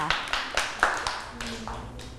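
A short burst of clapping: about eight sharp, fairly even claps in a steady rhythm, moderately loud, as a group of children in a lesson clap for a classmate who answered a question.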